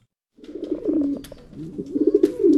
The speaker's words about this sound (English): That's one of the residents living in a small barn near Catherine L. Albiani Middle School. Stacks of cages line the walls, many of which are holding a pigeon or two.